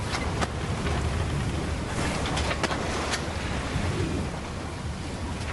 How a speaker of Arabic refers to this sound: فجأة اشتدت العاصفة وبدأت الأمواج العالية تضرب السفينة التي بدأت تدور حول نفسها وتترنح يمينا وشمالا. ارتفع الموج كالجبال يضرب السفينة بغضب كالمارد الهائج.